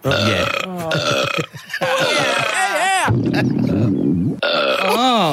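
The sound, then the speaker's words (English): A long, loud guttural burp drawn out over several seconds, rising and falling in pitch with brief breaks, as if a person is imitating a belch. “there was a lady sitting next to us and then she let out this massive, massive burp. It was just one continuous guttural burp.”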